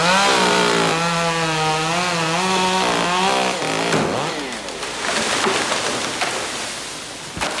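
chainsaws cutting trees

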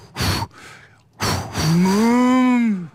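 cow mooing

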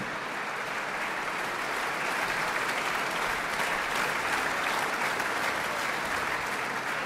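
concert audience applause

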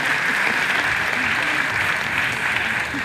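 outdoor concert audience applause

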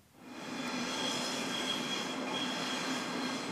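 trains rattling over rails

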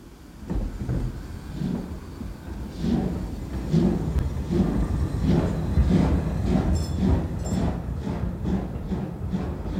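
train starting to move

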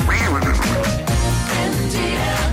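duck quacking

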